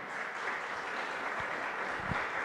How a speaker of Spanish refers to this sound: Le damos ese fuerte aplauso a nuestro Rey Celestial.